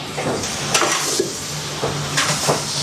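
Loud, steady sizzling as meat is stir-fried with cooking wine in a hot wok to cook off the alcohol, with brief metallic scrapes and clinks of a utensil stirring, and no voices.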